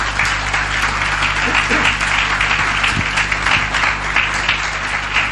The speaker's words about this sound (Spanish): ¿Quiere darle un aplauso al Señor y a su palabra?